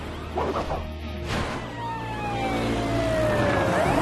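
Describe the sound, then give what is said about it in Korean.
A short crash and whoosh, then the siren of Marshall's fire truck rises in loud sweeping wails over the rumble of engines and traffic, with no one speaking. “꽃게가 소방차를 문다는 얘기 들어본 적 있어?”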